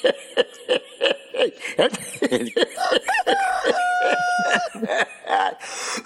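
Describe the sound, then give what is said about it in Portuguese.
A rooster crows, a drawn-out call in the middle, with a run of short, choppy clucking calls before and after it. “Eita, minha nossa, esse galo, esse galo tem um braço mecânico, é? Olha ele aí, olha.”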